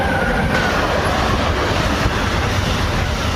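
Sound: train riding on rails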